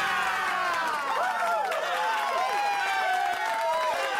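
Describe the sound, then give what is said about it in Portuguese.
A crowd applauds loudly and steadily for a guest artist introduced on the Rádio Zig-Zag programme, with many overlapping cheering and whooping voices rising and falling over the clapping for the whole stretch. “Uma grande salva de palmas.”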